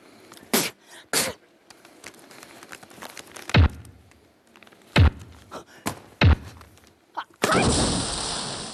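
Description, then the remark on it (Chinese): A wall is being smashed: about six heavy, irregularly spaced thuds and cracks, then a loud sustained rush of crumbling debris at the end. “这怎么墙砸的”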